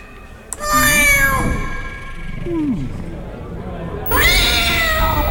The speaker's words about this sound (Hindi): तो किसकी बिल्ली है?